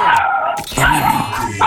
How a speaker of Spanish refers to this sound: No, el perro, escuché más al perro que a ti.